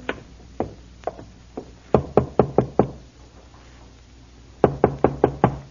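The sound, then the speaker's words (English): Sharp knocks on a wooden farmhouse door from the porch, first a few spaced raps, then a quick run of five, a pause, and another insistent burst of five, fairly loud with no voices. “It took a few moments to rouse anyone, but finally the door opened and there stood a woman.”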